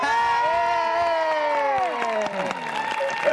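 audience applause and cheering

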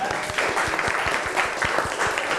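children clapping

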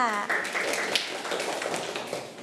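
children clapping

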